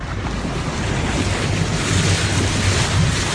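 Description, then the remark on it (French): A boat draws nearer across the water, heard in the distance, its low engine drone growing slightly louder beneath a steady wash of waves and wind, with no voices. “Dans le lointain, Lauriane Miara, puisque c'est elle, entend un bateau arriver.”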